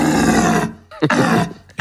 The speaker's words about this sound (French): Au cœur de la réserve naturelle des gorges de Daluis, c'est la saison du brame du cerf.